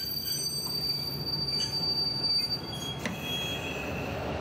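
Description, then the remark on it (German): A work train rolls along the rails, driven almost blind about 3 kilometres into the main network, with a steady low rumble and thin, high wheel squeals drawn out above it, fairly loud, with no voices. “Etwa 3 Kilometer ins Hauptnetz muss Roland jetzt quasi blind fahren.”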